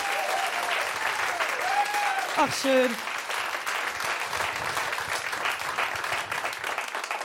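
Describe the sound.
Steady, dense audience applause for the guitarist fills the whole clip at an even loudness, with a brief spoken exclamation rising over the clapping near the start.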